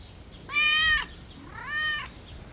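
A cat meows twice: a loud, bright first meow followed by a slightly softer, lower one after a brief pause, with no talking over them.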